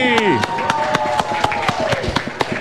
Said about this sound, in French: On applaudit!